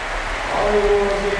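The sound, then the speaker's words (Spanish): The crowd at Poljud stadium in Split stands and gives a sustained ovation as Luka Modric leaves the field, a dense, steady roar of applause and cheering with a faint held tone rising over the noise midway. “Vamos a escuchar la ovación del Poljud.”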